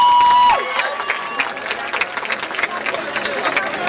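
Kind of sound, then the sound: crowd, applause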